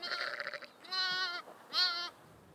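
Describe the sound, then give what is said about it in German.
A newborn lamb, still alive after being pecked at, bleats three times in quick succession, thin, high-pitched wavering cries with a slight quaver, the last one loudest, with no voices around it. “Da ist jetzt das Lamm hat noch gelebt, wo man im Pfarr gekommen ist.”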